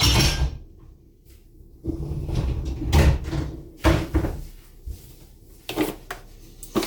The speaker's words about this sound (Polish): Tak samo do zmywarki należy schować również miarkę, którą oddzielaliśmy wodę.